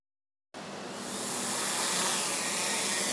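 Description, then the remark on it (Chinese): After a brief silence, a Hong Kong Police traffic-enforcement drone's steady, high-pitched whirring hum starts abruptly as it takes off and swells slightly louder, holding a continuous buzzing drone of rotors with no voices. “香港警方本月内开展全港交通执法行动，加强利用无人机协助监察，重点打击不专注驾驶行为，以提升执法效率和灵活性。”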